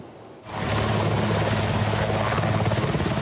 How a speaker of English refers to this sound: Serbia deployed helicopters to battle wildfires for a second day as extreme heat and dry conditions continue to fan the flames across the country's north.